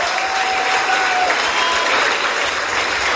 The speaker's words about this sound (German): Deswegen auch nochmal ein Applaus an euch alle, dass ihr alle hier seid.